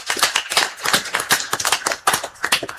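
A crowd applauds steadily, with many hands clapping at once in a dense, uneven patter that stays fairly loud for the whole stretch, no voices rising above it.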